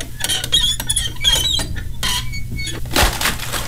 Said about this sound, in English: But the poor old door fell off its hinges.